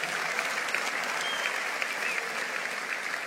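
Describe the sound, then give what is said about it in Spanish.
A church audience applauds Christ steadily, a dense wash of clapping from many hands that holds at an even, moderately loud level throughout, with no voices standing out. “Vamos, dale un aplauso fuerte a Él.”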